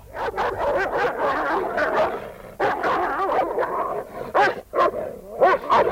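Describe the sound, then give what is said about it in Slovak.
A stray dog fights two farm dogs set loose on it, snarling, barking and yelping in a frantic, chaotic, loud scuffle, with overlapping growls and high-pitched yips bursting continuously throughout. “Bojuje odvážne. Pozri, obi dvoch našich psov zhodí.”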